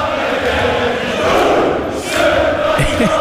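A dense, roaring crowd of thousands of Scottish football fans chants and sings together in an echoing concourse at Fenway Park, a loud continuous wall of massed voices with rising shouts and no single speaker standing out.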